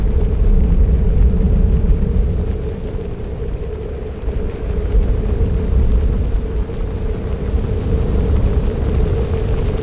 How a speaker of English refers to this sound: And then the dark cloud was over the city. Day was turned to dusk. The thunder of wings made shouting necessary for human communication.